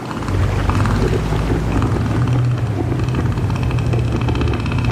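A male northern elephant seal, inflating its huge nose, gives a deep, loud, guttural roar that rumbles steadily for several seconds with a rapid pulsing throb, with no talking over it.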